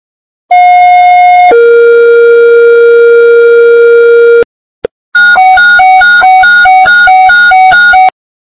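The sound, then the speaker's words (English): Fire dispatch alert tones for East fire, calling a response to an 18-wheeler leaking gasoline on Interstate 10 eastbound between mile markers 64 and 65: a loud, steady high tone for about a second, a long lower tone, a brief click, then a rapid, rhythmic warble alternating between two pitches, with no voices. “East fire, stand by for tones.”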